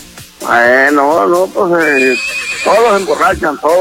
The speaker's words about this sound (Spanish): pone el relinchido de un caballo, de un potro salvaje, mire. Ahí está, qué chulada.